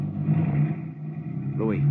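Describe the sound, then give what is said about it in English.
A car engine hums steadily at a low pitch as the vehicle pulls off, with a brief rising, voice-like tone near the end. “Then the car moved on.”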